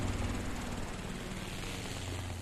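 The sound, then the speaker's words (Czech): A helicopter drones in the distance over the sea, a steady, unbroken low engine hum with a faint rotor throb that holds at an even level throughout, with no voices. “V dálce nad mořem vrčel vrtulník.”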